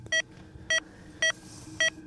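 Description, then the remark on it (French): A heart rate monitor, a device supplied by Air Glacier, gives four short, bright electronic beeps at a steady, even pace about half a second apart as it tracks the heartbeat of a person at rest, clear above a low, quiet background rumble. “Nous, c'est la vitesse des bips. Bip, bip. Qui nous donne donc la fréquence cardiaque”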